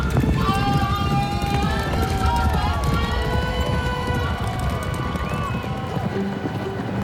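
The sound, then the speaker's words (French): Racehorses ridden by jockeys gallop at a horse race in a steady, thundering rush of hoofbeats that fills the whole moment, with excited crowd voices and shouts rising above the pounding. “Ils peignent les chevaux en train de bondir et les jockeys qui ratent leur départ.”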